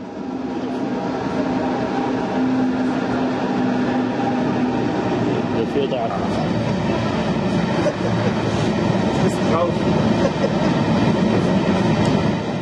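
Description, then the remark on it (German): A train travelling toward Vassijaure, Sweden's northernmost station on the border with Norway, rumbles steadily along the rails, a continuous loud roar with rattling wheel noise and faint squeals throughout. “Der zweite Teil der Tagesreise geht weiter nach Vassijaure. Es ist Schwedens nördlichster Bahnhof, direkt an der Grenze zu Norwegen gelegen.”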